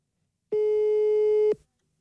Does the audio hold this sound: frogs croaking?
no